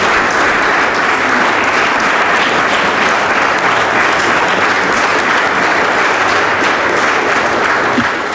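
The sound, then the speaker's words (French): A crowd applauds a rapper, founder of the Demi Festival, steadily throughout, dense clapping forming a loud, continuous wash of sound with no one speaking over it. “Applaudissez …. Applaudissez.”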